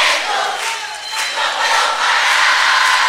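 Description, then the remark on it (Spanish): A crowd applauds and cheers in a steady, loud wash of clapping with excited shouts mixed in, sustained evenly for about three seconds with no one speaking. “Este aplauso de parte nuestra por ustedes, para ustedes, de parte de todos nosotros.”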